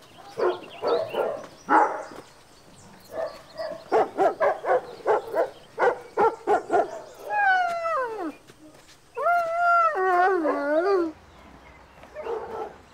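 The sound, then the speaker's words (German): Several dogs in an overcrowded animal shelter bark in quick, rhythmic bursts, then break into high, wavering howls that slide downward and warble, with more barking at the end. Loud and busy throughout. “Tja, momentan sind wir total überfüllt. In den Ferien werden so viele Hunde ausgesetzt.”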